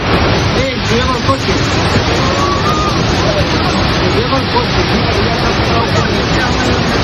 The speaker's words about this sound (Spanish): El sonido de la localidad de Manzanedo de Valdueza, cerca de Ponferrada, donde las fuertes corrientes de agua que han asolado las calles del pueblo arrastraban incluso vehículos.